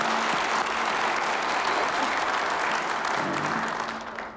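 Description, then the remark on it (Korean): Sustained applause of encouragement from an audience for Daegu Metropolitan City mayor Choo Kyung-ho, a dense steady clatter of many hands clapping that holds at an even level before tapering off toward the end, with no talking over it. “추경호 대구광역시장께서도 함께해 주셨는데 우리 격려의 박수 한번 부탁드립니다.”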